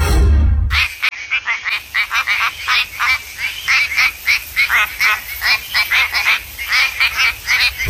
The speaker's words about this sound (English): This is the quacking frog WA. Quacking frog from WA.